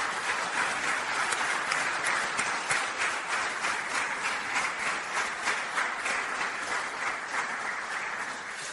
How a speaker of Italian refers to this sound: Allora, io intanto saluto e accolgo con un applauso il presidente dell'Unione Italiana Ciechi, Mario Barbuto.